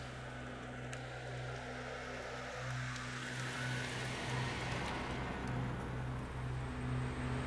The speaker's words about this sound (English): So this is our power plant. We have 3 engine generators here.